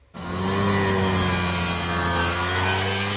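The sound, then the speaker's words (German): A dense, steady drone of many Vespa scooter engines on the streets of Rome, during the Italian brand's 80th birthday gathering, buzzing and rattling together, with layered low humming tones under a raspy, noisy edge, starting abruptly and holding loud throughout. “Auf den Straßen Roms ist dieser Tage aber vor allem ein lauter, vielstimmiger Knatterton und Brummton zu hören.”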